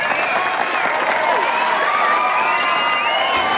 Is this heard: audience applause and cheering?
yes